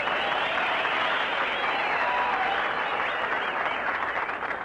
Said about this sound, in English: You got a nice hand. That ain't all they're applauding, brother.